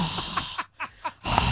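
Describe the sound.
A voice imitates a man's heavy breathing while eating: four or five short, rhythmic snorting breaths, with a noisy, wet quality and a louder burst of breath at the end.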